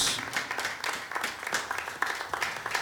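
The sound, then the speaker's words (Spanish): An audience at a church retreat claps together for the Lord in a dense, steady wash of applause, with rhythmic pulses running through the crowd noise at moderate volume and no talking over it. “Démosle palmas una vez más al Señor, porque estamos agradecidos.”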